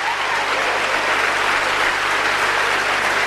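An audience applauds steadily, a dense wash of clapping that stays loud and even for a few seconds with no speech over it.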